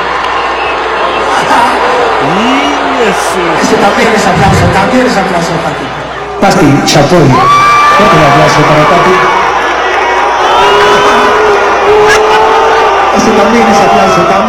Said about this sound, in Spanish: A una dama casi de hierro, una dama de acero, la dueña de la nota, la señora Pati Chapoy. Fuerte aplauso para Pati.